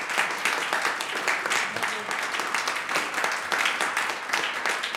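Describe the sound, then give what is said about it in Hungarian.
A concert audience at a Bartók Rádió Klasszikus és Jazz concert applauds the 60-year-old double bassist. Many hands clap in a dense, sustained wash at a steady, even level for several seconds with no pauses. “Kedves hallgatóink, kedves közönségünk, a Klasszikus és Jazz című sorozatunk mai koncertjén a 60 éves … nagybőgőst köszöntjük egy nagy tapsotnak.”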